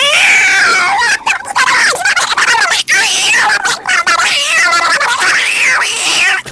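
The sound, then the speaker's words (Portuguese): A person vocally imitates a cat fighting a dog, producing loud, continuous yowls, wavering caterwauls and hissing snarls for several seconds, with no pauses. “Você já viu aquele vídeo do cachorro, do gato brigando com o cachorro?”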